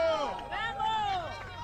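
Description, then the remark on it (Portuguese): A small group of about 25 Grêmio supporters cheering and shouting together as the official Grêmio team bus passes slowly in front of their hotel, several voices overlapping with rising and falling calls, steady and fairly loud throughout the short burst. “Agora, de forma bem lenta, devagar, o ônibus vai passando em frente onde a gente está. Alguns torcedores estão por aqui. Esse é o som.”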